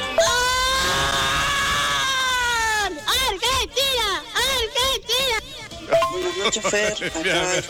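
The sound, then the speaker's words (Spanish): A woman loudly shouts goal, holding one long, strained cry for about three seconds, then breaking into a quick run of excited, rising-and-falling, piercing yells. “qué gol que gritó, impresionante, impresionante.”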